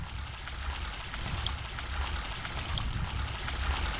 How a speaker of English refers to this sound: I'm standing at the edge of a diamond-shaped salt pan. The water you can hear is the sound of a pipe that's pulling up water from 12 feet below the ground. It looks like ordinary water, but this is brine, and it's the raw material for India's salt.